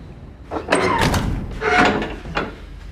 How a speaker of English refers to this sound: Shut the door.